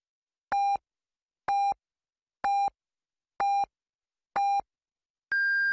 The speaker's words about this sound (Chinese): 北京时间7点整，第一财经广播提醒您准确对时